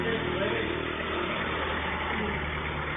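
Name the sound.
motorcycle engine passing by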